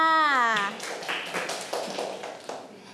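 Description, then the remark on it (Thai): A short spoken phrase gives way to a scattered round of clapping from several children in a lesson, applauding a classmate's answer, uneven sharp slaps overlapping for a couple of seconds at moderate loudness. “เก่งมากค่ะปรบมือค่ะ”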